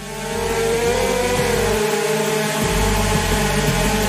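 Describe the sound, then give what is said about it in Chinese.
The rotors of a drone fitted with protective armor whir loudly and steadily with a droning harmonic pitch as it is deliberately flown into a wall in a crash test. Faint dull knocks recur every second or so as it bumps repeatedly against the wall while staying in stable flight. No one speaks. “只见无人机缓缓飞向墙面，一下又一下的撞击，神奇的一幕出现了。”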